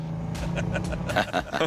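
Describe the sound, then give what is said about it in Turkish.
A dual-engine car's engine drones with a steady low hum, then shifts gear about two thirds of the way in, the tone jumping and growing rougher and louder with pulsing bursts. “Dinle. Vites değişti.”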